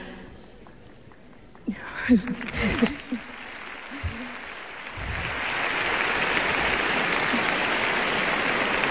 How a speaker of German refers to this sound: Die junge Frau verdient wirklich Applaus für den Mut.